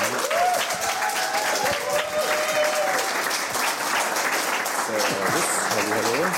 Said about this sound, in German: Großer Beifall. Herzlich willkommen.